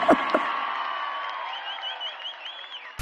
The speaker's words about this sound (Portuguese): Salve de palmas essa mulher aqui, meu irmão.